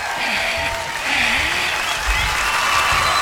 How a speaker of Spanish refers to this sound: La multitud grabada se escucha.